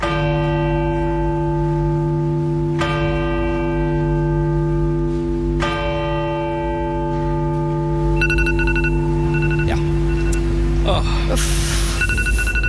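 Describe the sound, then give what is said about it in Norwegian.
A deep church bell tolls three times at slow, even intervals, each stroke ringing out and lingering, marking the start of a minute's silence at 1 pm during King Harald's funeral; then a mobile phone alarm set for 13:00 begins beeping in a rapid, repeating electronic pattern over the fading bell. “Det var da klokka ett I går under Kong Haralds begravelse, det, som skulle starte med tre klokkeslag I alle kirker, og så ett minutts stillhet.”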